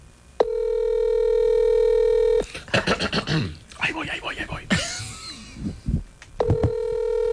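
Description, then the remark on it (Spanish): A steady, loud telephone dialing tone drones for about two seconds while a call is being dialed, breaks off while people talk amid some clatter, then the same flat electronic tone returns at the end. “Sí, caballo, este sí se escucha cuando marca.”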